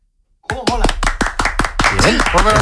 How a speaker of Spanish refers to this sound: ¿Estabais tardando en dar un aplauso a Vitaldent? ¡Claro que sí!